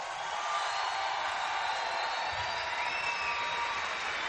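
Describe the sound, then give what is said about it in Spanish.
A large audience claps steadily, a dense, even wash of applause that holds at the same loudness for a few seconds without pause or speech. “¡Más fuerte el aplauso!”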